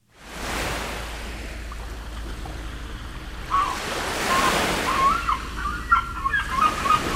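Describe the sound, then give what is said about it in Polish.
Steady sea surf washes and rolls throughout, swelling midway, while several shrill cries ring out over the waves in the second half from seagulls flying overhead. “Morskie fale już słychać, mewy też latają nad naszymi głowami.”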